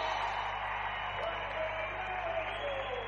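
A crowd applauds and cheers for the creator of a song in a steady, dense wash of clapping and voices that holds at an even level for about three seconds, with a few higher whoops mixed in.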